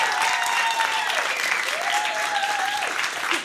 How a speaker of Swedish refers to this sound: En stor applåd igen till dem.